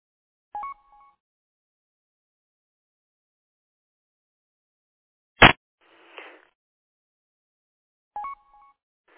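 Two brief electronic tone chirps, several seconds apart, each a quick stepped beep, with a sharp click and a short hiss of static between them; a Roger beep at the end of a radio transmission during a radio net check-in. No one speaks.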